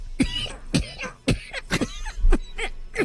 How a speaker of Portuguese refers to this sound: Doutor, vejo que o senhor está melhor de saúde, né? Melhor, graças a Deus. Estou me cuidando, né? Sua tosse está menos carregada, né?